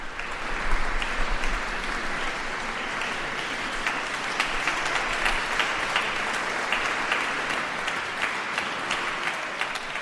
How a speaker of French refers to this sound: Voilà, les applaudissements nourris dans la priorale pour cet ensemble musical.